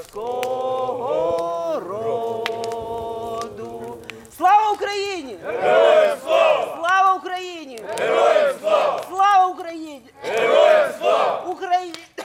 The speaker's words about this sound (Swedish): Men runt brasan här framför mig så står det ett gäng ukrainska soldater och kikar upp på stjärnhimlen. De har precis skickat upp röda papperslyktor och de sjunger Ukrainas nationalsång.